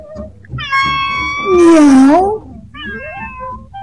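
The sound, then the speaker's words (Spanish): A cat meows loudly: a long, drawn-out wavering meow that bends down and back up, followed by a shorter second meow, with no one talking. “No se guarda con discreción ningún comentario. Todo lo maulla.”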